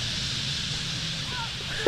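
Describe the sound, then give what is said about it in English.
A dense, steady whooshing rush of thousands of bird wings cutting through the air just above one's head as the birds dive into trees for their nightly roost, continuous for the whole stretch, with faint high chirps flickering near the end. “Before long is the dramatic whistle and rush, the stage of the nightly roost when birds dive into the trees, and you can hear thousands of wings cutting through the air just above your head.”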